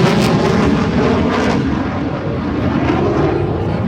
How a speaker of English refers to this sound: It's constant. It just reminds you they're always out there. It looks like a Marine Corps F-18.